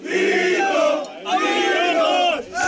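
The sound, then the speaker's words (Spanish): A group of Spanish Legion soldiers on a bus loudly chant "Vito!" and cheer in unison for Vito Quiles, their voices rising in two long sustained shouts separated by a brief pause, energetic. “Se trata de un vídeo subido a redes por el propio Vito Quiles en el que se ve a un grupo de legionarios junto a él vitoreándole mientras grita a por los rojos y que fue grabado en el autobús en el que los militares iban a volver a su base de Viator”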